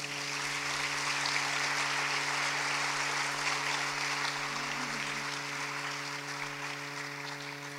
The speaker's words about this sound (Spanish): Que se escuchen de nueva cuenta, un fuerte aplauso.